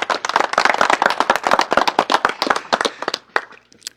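A burst of audience applause welcoming a speaker at the official delivery of seed capital in Tutupaca, Anexo de Calacala: dense, crackling hand claps at a steady rapid rhythm, loud and sustained for about three seconds before thinning out to a few scattered claps.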